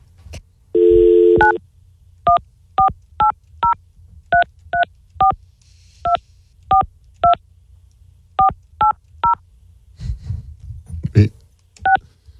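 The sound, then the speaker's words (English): A short burst of dial tone, then a long, evenly paced string of touch-tone beeps as a phone number is keyed in, fourteen or so clear tones, followed by faint muffled talking. “This is my phone number neighbor.”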